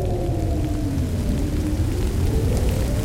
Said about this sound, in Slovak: A ešte aj toto. Začína pršať. Rýchlo, treba si nájsť nejaký prístrešok.